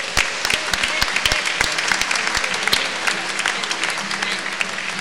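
A church audience at a Pentecost service claps steadily together for the Holy Spirit, a dense wash of applause with sharper individual claps standing out, fairly loud, continuing throughout without talk.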